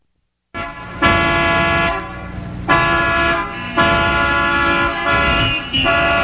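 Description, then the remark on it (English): Several car horns blare over one another in a dense, continuous honking, with repeated loud sustained blasts and overlapping tones, like a gridlocked street full of impatient drivers. No one speaks. “Traffic jams, air pollutions, and a dozen other irritations a day can make life mighty miserable.”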